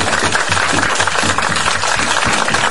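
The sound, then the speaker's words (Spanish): A crowd applauds steadily at the opening of the programme Los Telequeñeses, many hands clapping at once in a dense, loud wash of sound that holds an even level throughout, with no voices standing out. “¡Un aplauso!”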